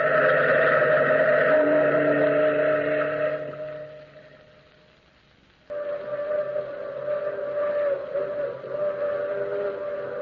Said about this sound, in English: Listen. That's the long moaning whistle of the through express, wailing through the lonesome night, crying like a lost and anguished soul in the mountains. Listen to it. I've heard that mournful crying for 10 years,